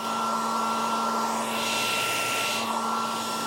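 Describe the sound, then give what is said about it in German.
A hair dryer blows steadily, a constant loud whooshing roar with a faint motor hum underneath and a brief brightening of the airflow midway, produced as a looped sleep sound for babies. No one speaks. “Die beliebtesten Sounds sind aber eigentlich der Staubsauger sowie das Meeresrauschen und der Föhn.”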